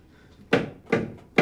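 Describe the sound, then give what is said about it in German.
Three firm knocks on a door, evenly spaced about half a second apart, each a dull, resonant thud that rings briefly before the next, clear with no voices. “Hörst du das Klopfen?”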